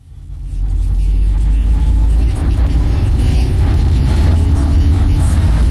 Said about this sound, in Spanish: Aprovecho que estoy en el auto para recomendarles esta nueva radio de rock de la ciudad.